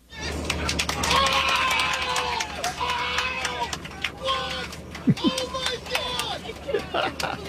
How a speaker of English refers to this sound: Last night, you could hear cheers spilling out of bars and apartment windows, and one social media post even had the sound from a celebration on board a plane.